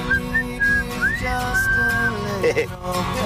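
A person whistles a slow melody with long sustained notes and gentle pitch slides, close and clear, over soft background instrumentation.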